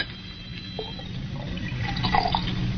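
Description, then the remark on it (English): Brandy pours steadily back into a glass decanter for a few seconds, a continuous splashing trickle that grows slightly fuller toward the end, with no voices. “Oh, then pour it back into the decanter.”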